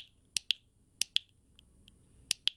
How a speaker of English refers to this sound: Well, that's one of my proudest possessions. That's a little tin brass clicker from D-Day that was given to me by a paratrooper. He had four combat jumps in World War II.